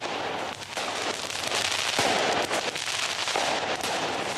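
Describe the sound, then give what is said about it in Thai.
Firecrackers crackle and bang in rapid, irregular bursts over a dense, loud crowd roar, with sharp pops scattered throughout, as protesters set them off at riot police during a nighttime street confrontation in Tirana, Albania. “กลุ่มผู้ประท้วงจุดประทัดใส่ตำรวจปราบจลาจลระหว่างที่ทั้งสองฝ่ายเผชิญหน้ากันบนถนนในกรุงติราน่าของแอลเบเนียเมื่อคืนที่ผ่านมาค่ะ”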